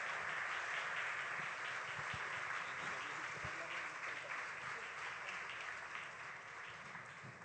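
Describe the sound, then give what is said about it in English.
An audience applauds steadily to welcome a guest speaker, a dense wash of many hands clapping that stays loud throughout and eases slightly toward the end, with no clear talking over it. “Fuerte, fuerte ese aplauso. A strong applause.”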